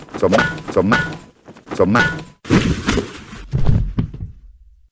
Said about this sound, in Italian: cadendo al suolo come un sacco di patate proprio al centro della pozza di urina che ha lasciato precedentemente.